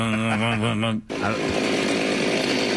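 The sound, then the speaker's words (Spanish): A chainsaw engine roars, its pitch warbling for about a second before a brief cutoff, then it resumes as a loud, rough, continuous buzz. “Vamos a escuchar primero la motosierra.”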